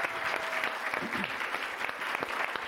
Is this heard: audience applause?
yes